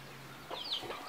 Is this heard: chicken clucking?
yes